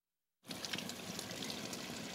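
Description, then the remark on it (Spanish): Water runs from a fully opened tap in a steady, thin trickle, with very little water coming out, starting abruptly after a brief silence and continuing evenly with a soft, hissy splash. No voices are heard. “Está abierto todo el grifo y sale muy poca agua.”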